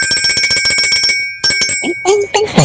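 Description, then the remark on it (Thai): A small iron bell rings in a rapid, repeated trill for over a second, bright, then stops; a few more clanging rings follow with some background voice-like sounds. “ส่วนพี่คนนี้นี่ฝนตกเขาไม่ค่อยชอบตัวเขาเป็นเหล็กเดี๋ยวเสื้อหนิมขึ้นต้องหลบหน่อยพี่กระดิ่งครับ”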